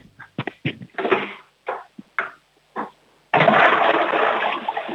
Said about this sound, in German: Das ist aber eine laute Klospülung.